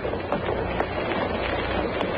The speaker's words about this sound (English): Now the whole plaza is rising. Fathers are lifting their small children. The bloom fans on the platform are motionless. There's no sound but the shuffle of shoe leather.